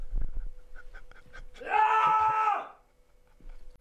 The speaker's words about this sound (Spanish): Me voy a levantar un momento de plano, algo que no se debe hacer en este programa, pero por favor, no cortéis. Es que me voy a levantar de frustración, ¿vale? Para meter un grito como en tu espectáculo.